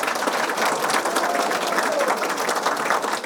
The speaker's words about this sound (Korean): 여러분 안녕하십니까? 신입 장애 대학생 노트북 전달식. 여러분의 커다란 환호와 박수로 노트북 전달식을 시작하겠습니다.